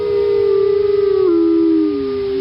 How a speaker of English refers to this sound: "Ah, traitor," cried the wolf, howling with rage.